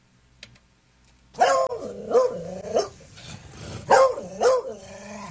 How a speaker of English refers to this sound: you play the bark, and I'm going to hear what my dog allegedly is saying